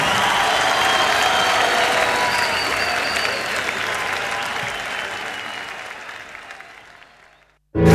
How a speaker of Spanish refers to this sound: Fuerte el aplauso para el Pedi.